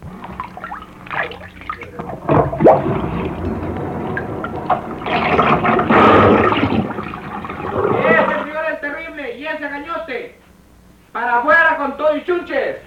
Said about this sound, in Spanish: Vaya, me sigue echando agua.